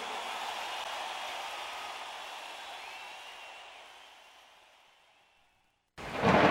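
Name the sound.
rain falling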